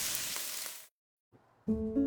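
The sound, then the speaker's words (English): Spam brand canned pork meat sizzles loudly in a pan for just under a second, a steady hiss that cuts off abruptly, followed after a short pause by a brief burst of bright musical tones. “That's the Spam brand, singing you a love song. Spam, sizzle, pork, and mmm.”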